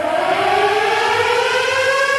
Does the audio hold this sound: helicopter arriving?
no